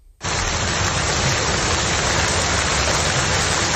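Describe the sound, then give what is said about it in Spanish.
A torrential summer rain and hail storm with wind starts abruptly and keeps up a loud, dense, steady, unbroken hiss, with no voices. “Las clásicas de verano, cielos negros, viento, granizo y lluvias torrenciales hicieron multiplicarse los vídeos en redes sociales publicados por usuarios alarmados por el fenómeno.”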